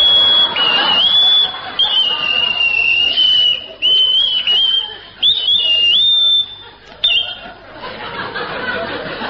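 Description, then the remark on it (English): A person whistles a long, warbling birdsong imitation, high and clear, with quick trills and slides broken by short pauses, set against a faint murmur of background noise. “Either that or a packet of bird seed.”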